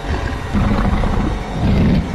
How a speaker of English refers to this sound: We just heard this extremely deep growl come from inside.